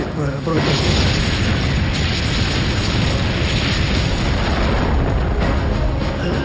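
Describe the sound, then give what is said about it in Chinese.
A heavy Soviet Katyusha rocket artillery barrage against German forces roars without letup, dense overlapping booms and blasts merging into one loud, rumbling wall of explosions that fills the whole stretch. “卡秋这火箭炮非常厉害，持续强劲的炮火打乱了我们的阵型。”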